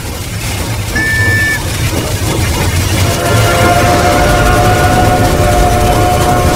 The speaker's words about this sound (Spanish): Era un ruido metálico, rítmico. El sonido de ruedas avanzando sobre vías. Vías que ya no existían. El ruido parecía provenir de las montañas. Cada vez más cerca y más fuerte.